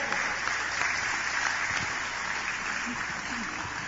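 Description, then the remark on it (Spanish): A church audience applauds to welcome visiting members of another church, a dense, even wash of clapping that holds at a constant loud level for the full few seconds, with faint voices mixed underneath. “Fuertes aplausos a nuestros hermanos que hoy nos acompañan también.”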